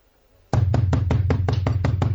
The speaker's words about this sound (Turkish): Yuh be! Böyle de kapı mı çalınırmış?